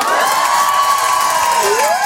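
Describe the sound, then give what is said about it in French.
A large audience of women, asked to make noise, cheers and screams loudly and continuously, with shrill high-pitched shrieks rising above the dense, steady roar for the whole moment. “Les filles, faites du bruit pour voir.”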